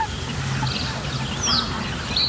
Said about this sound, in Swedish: Men vi hör en ny art faktiskt, skäggdopping. Ja, just det. Ja, lite sträva. Precis. Skällandet.